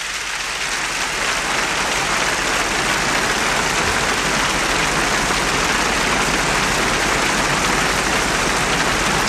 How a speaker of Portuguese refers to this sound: Vamos então avançar para dentro do festival, depois das palmas que a orquestra recebe, dirigida por Isaac Grazini.